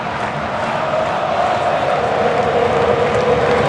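A huge crowd of Argentina football fans at a World Cup match at AT&T Stadium in Dallas roars and chants together in a dense, loud, unbroken wall of voices that holds steady for the whole few seconds.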